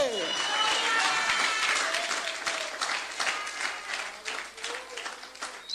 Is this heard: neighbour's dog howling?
no